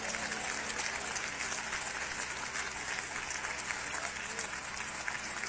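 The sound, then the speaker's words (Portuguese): An audience at a church service applauds the name of the Lord steadily, a dense wash of many hands clapping at once, sustained and fairly loud throughout without any pauses or voices standing out. “Pode aplaudir o nome do Senhor, pode.”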